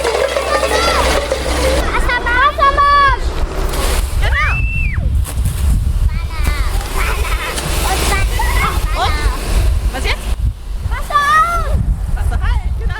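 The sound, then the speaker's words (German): A steady rush of water spraying from a fire hose continues throughout while preschool children's excited voices chatter and call out over it, with a brief high whistling tone in the middle. The children turn on a second hose during fire safety education at a kindergarten in Weißenborn with the volunteer fire brigade. “Genau, zweites Rohr Wassermarsch. Ne? Und jetzt aufdrehen.”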